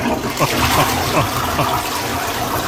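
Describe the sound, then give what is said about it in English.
A blocked toilet flushing, a loud, steady rush of swirling water that stays full and continuous from start to finish, with no voices. “See if it actually flushes with this flush.”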